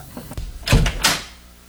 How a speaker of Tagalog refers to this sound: Sandali po, Papa. Bubuksan ko na po yung pinto. Wait lang po.